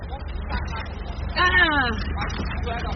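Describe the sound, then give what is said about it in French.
Steady low engine rumble of vehicles idling in a traffic jam on a narrow street in the centre of Manaus, caused by a car stopping to pick people up, with people's voices talking over the traffic noise throughout. “En arrêtant sa voiture pour nous prendre, elle crée un embouteillage monstre.”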